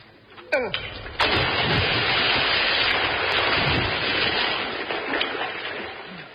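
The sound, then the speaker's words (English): A loud splash as a heavy object is thrown into a river to test whether it is waterproof, preceded by a brief thump, then several seconds of churning, rushing water that slowly settles. No voices are heard. “help me throw this into the river to test it.”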